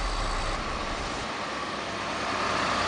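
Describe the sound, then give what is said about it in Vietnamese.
Steady, continuous roar of traffic on national highways 1B, 3 and 37 in Thai Nguyen province, Vietnam, with a low engine rumble like heavy trucks passing, holding an even loudness throughout with no voices. “Quá trình ghi nhận trên tuyến quốc lộ 1B, quốc lộ 3, quốc lộ 37, địa phận tỉnh Thái Nguyên, một số phương tiện có biểu hiện nghi vấn.”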